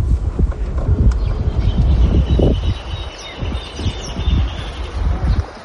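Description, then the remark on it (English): Horses' hooves clop in irregular, muffled thuds on a small farm where the horses are being prepared for pato practice, with rustling, light wind and faint birdsong chirping in the background. “We arrive at a small farm where the horses are being prepared for pato practice.”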